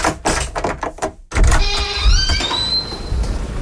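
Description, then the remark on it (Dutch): After a brief run of clattering, the motorized sliding doors of the museum of the 1980s open with a loud, steady whir and a rising mechanical whine that gradually settles. “De deuren gaan weer open van het museum van de jaren 80.”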